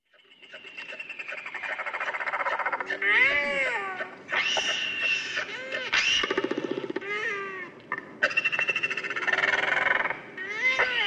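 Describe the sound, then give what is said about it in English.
Royal albatross (tauroa), one of the largest flying birds on Earth, calling: loud, wailing, cat-like moans and rising whines that overlap almost continuously, broken by brief rattling bursts, with no talking. “our bird of the day, the giant of the skies, one of the largest flying birds on Earth, it's the royal albatross, the tauroa.”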